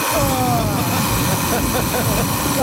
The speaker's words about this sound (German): Ja, aber so klingt doch dein Wecker, oder nicht? Eher so wie der erste. Ich glaube, beim zweiten, da wäre der schon mehrmals aus dem Fenster geflogen.